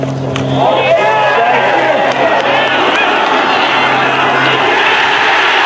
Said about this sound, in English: No wonder they cheered.